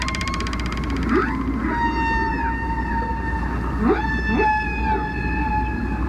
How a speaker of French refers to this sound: Lorsque la baleine chante, l'air de ses poumons vient remplir le ballon. Et en envoyant l'air, elle fait vibrer les crochets en cartilage. Et c'est cette vibration qui crée le son.